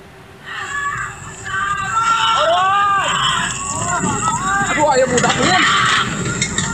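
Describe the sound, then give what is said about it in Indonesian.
A panicked crowd shouts and calls out over one another as an elderly woman's stilt house burns fiercely in Kampung Babakan Bandung, Wangunreja village, Sukabumi, West Java, Indonesia; raised voices rise and fall continuously above a steady rushing roar, loud throughout after a brief quieter start. “Suasana kepanikan terdengar saat rumah panggung milik wanita lansia di Kampung Babakan Bandung, Desa Wangunreja, Sukabumi, Jawa Barat terbakar hebat.”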